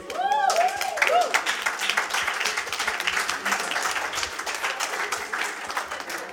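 An audience bursts into steady, dense applause for the winner of a guessing quiz, carrying on for several seconds, with a few rising cheers or whoops over the clapping at the start.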